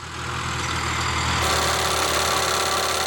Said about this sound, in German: Auf einem Getreidefeld in Niederösterreich wird hier gerade eine Bodenprobe entnommen. Der Bohrer an der Rückseite eines Traktors bohrt bis zu 90 cm tief in die Erde und entnimmt mehrere Proben.